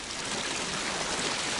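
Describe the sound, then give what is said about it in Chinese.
Steady rushing of a swollen shallow river outside a city wall, its water risen unusually high in the fifth month: a continuous broad hiss with no pauses or distinct splashes, fairly loud and even throughout, with no voices. “莫非河水泛滥？”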